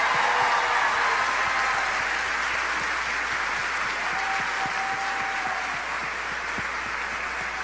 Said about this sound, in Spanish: Gracias a María. Vamos a darle un fuerte aplauso a nuestra Madre Santa.